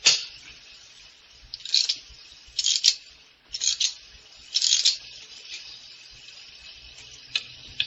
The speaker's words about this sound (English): By your clock, Gabriel, but it seems to have stopped. So it has. It needs rewinding.